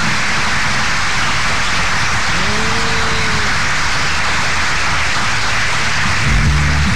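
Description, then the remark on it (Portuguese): Loud, sustained applause from many hands for a birthday blends into a dense, steady hiss that sounds much like heavy rain, continuing without pause and with no voices. “Chega de palma, é palma demais, parece que tá chovendo.”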